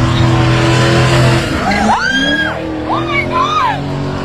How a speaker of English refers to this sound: Video circulating on social media shows a Corvette doing donuts in the middle of traffic on Kenmount Road, nearly colliding with a number of vehicles as onlookers scream.